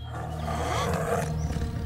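A deep, throaty tiger roar rumbles steadily for about two seconds, loud, with a growling low-pitched texture and no voices or other sounds around it.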